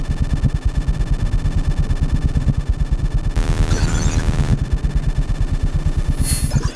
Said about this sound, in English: Everything you have heard so far, and everything you will hear, is the pure sound of electricity, is our sonic vocabulary.